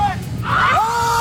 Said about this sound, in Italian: Ecco. Si urla tutti quanti. È una cosa molto liberatoria, no?